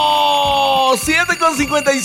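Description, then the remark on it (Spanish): A loud, steady electronic alarm clock tone buzzes for about a second, then breaks into a warbling, wavering pattern as a voice seems to join in over it. “Los vamos a levantar con un despertador.”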